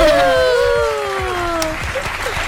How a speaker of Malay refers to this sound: Yuhu, ini aku kasih tepuk tangan dulu.